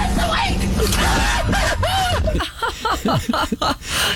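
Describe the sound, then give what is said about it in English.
A sheriff's deputy lets out shrill, high-pitched screams in a rapid series of broken, breathless bursts as he runs away at night from a deer that suddenly sprang up, loud over a rumbling noisy background that drops away halfway through. “The deputy immediately sprang into action, too, in the opposite direction, unleashing a high-pitched scream as he ran.”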